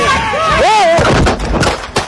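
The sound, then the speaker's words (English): A raised, strained voice gives way to a quick series of three or four sharp, loud gunshots, cracking out in an uneven burst amid background commotion, recorded on a police officer's body camera in Minneapolis as a federal law enforcement officer shoots a woman who crashed her car into him. “crashed her car into the federal law enforcement officer, and she was then shot”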